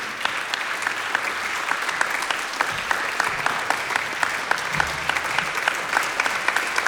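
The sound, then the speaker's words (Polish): Steady audience applause at a Polish Radio award ceremony as a band receives the Czwórka Polskiego Radia award; many hands clapping in a dense, continuous wash of sharp claps that holds at an even, fairly loud level throughout, with no voices standing out. “Wielkie brawa.”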